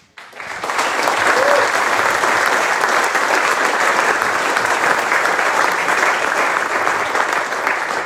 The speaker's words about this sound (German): Ja, schön, dass ihr schon klatscht. Ich weiß doch gar nicht, um was geht, aber danke von meiner Seite.